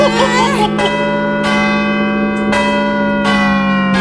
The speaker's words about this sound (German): Oh, ich sag ja immer, süßer die Glocken, die klingen.